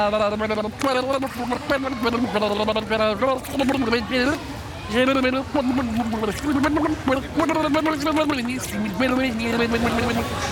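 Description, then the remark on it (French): A voice sings a simple melody while emptying its air by blowing bubbles out of the mouth underwater, the tune coming out wobbly and gurgling, continuous for about ten seconds. “Et pour commencer, on va commencer à le vider en faisant des bulles par la bouche et en chantant.”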